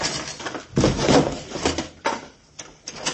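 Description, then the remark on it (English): A door being swung open, with a rough scraping, rattling sound that comes in several uneven bursts over a few seconds, no voices. “swing the door open and drop behind it so you'll be out of the line of gunfire.”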